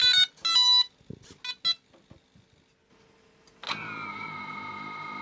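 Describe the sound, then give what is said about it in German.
A Ukrainian military drone carrying an explosive charge is armed and powered up inside a fighting position while a soldier holds it down: a series of shrill electronic beeps and clicks, a brief pause, then motors spin up into a loud, steady, high-pitched whine that continues to the end. “Das Scharfstellen und das Anschalten der Drohne, das klingt dann so.”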